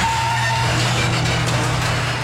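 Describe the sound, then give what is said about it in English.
A garage door grinds and creaks along, a steady low motor drone under rough scraping noise, with a thin squeal near the start. No one speaks. “Rise and grind is a great way to get to the top. If you're not a garage door.”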